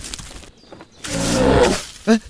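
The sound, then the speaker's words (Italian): A lynx call: a loud, raspy, drawn-out snarling cry, followed after a brief pause by a short, sharp yowl, with faint background noise before it. “Hai sentito questo verso? Sì, è una lince, riconosco i richiami.”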